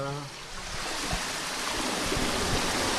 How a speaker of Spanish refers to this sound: Vale, y aquí es donde se abre un poco el paso, ¿no? El paso, sí, de las compuertas para que el agua circule, pase. Vale, ¿me puedes abrir un poquito a ver? Sí.